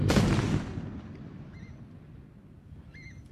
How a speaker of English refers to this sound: Are you still hearing this? I sure am. The explosions there at the Liddell Power Station chimney. There you go. That's how it sounded.